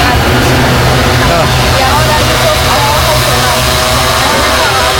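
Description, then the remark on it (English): Little yellow food delivery drones carrying fast food fly overhead in a big city in China with a loud, steady mechanical buzz, layered whirring tones that waver and shift slightly in pitch over a dense rumbling background, lasting the whole five seconds. “This is what it sounds like when you're on the ground and hear these deliveries happening.”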